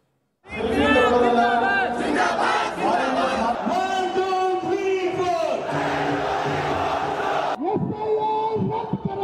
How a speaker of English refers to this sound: The slogans grew louder at Bengaluru's Freedom Park as protesters turned up to take on the Election Commission over the special intensive revision of electoral rolls. The protest was organized by the Cockroach Janata Party,